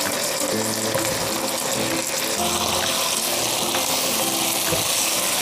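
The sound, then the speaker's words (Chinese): Green and red peppers sizzle and crackle as they are stir-fried in a hot wok, a dense, steady hiss that stays loud for the whole stretch, with no one talking. “十分钟的时间差不多了，我们看一下，把青红椒下入锅中翻炒一下”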